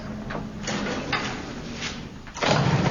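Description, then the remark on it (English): An old Model T car engine cranks with uneven, sputtering bursts of noise, then catches and grows louder and steadier near the end. No one speaks. “Ah, but take a Model T job like this. Takes a man to run it.”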